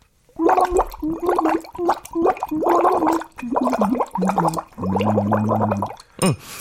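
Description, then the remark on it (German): A voice sings through a drinking straw into water, producing bubbly, gurgling tones in a series of short phrases with brief pauses, fairly loud, ending with a quick slurp. “Ich kann dabei sogar in den Strohhalm reinsingen.”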